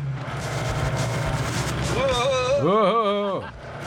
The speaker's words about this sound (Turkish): Yavaş ol. Motoru çok güçlü. Kulağa hoş geliyor.